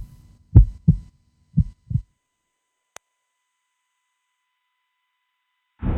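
Two deep, muffled lub-dub heartbeats thump in quick succession, followed by silence, a single faint tick, and the start of another low rumbling sound at the very end.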